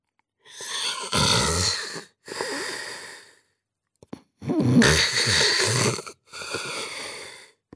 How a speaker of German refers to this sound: Hörte man ihn da oben im Glockenturm schnarchen. Weil der Turm so hoch war, trug der Wind das laute Schnarchen des Pastors hinaus in das ganze Dorf.